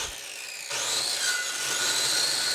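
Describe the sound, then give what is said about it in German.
A hand saw rasps steadily through wooden tree trunks, cutting them to size, its rough scraping strokes continuous, growing fuller after a brief quieter start. No one speaks. “sägt Baumstämme zurecht.”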